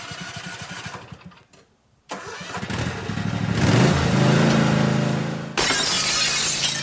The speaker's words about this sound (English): Oh no, it happened again. But don't worry, Richie's Discount Auto Glass has got you covered. Open Monday through Friday from 8 to 5, Richie's can fix your broken automotive side glass from those pesky lawnmowers, even rock chips.